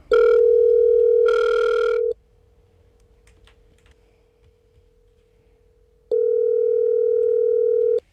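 A steady, loud telephone tone hums for about two seconds, fades to a faint drone with a few soft clicks, then returns at full strength near the end as a call is placed to a prize winner. No one speaks.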